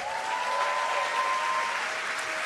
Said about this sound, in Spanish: Y quiero que recibamos con un fuerte aplauso al pastor